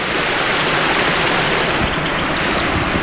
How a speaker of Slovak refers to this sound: Po naučnom chodníku okolo Hrozenkova a ďalšom naučnom chodníku Kopanice na Žitkovej sme sa dostali k Žitkovskej priehrade. Som pri potoku, ktorý ju obteká.